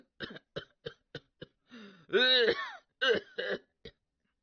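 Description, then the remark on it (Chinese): A storyteller imitates a rapid coughing fit of Luo Cheng, seated in his carriage: a string of short, sharp coughs, a drawn-out wheezing, strained cough in the middle, then a few more hacking bursts, fairly loud. “但车中罗成并未发话呀，而是一阵急促的咳嗽。”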